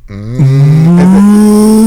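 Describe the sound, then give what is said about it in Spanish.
A person imitates a cow, letting out one long, drawn-out moo that starts low and slowly rises in pitch, loud with no other sounds around it. “¿Cómo hacen las vacas?”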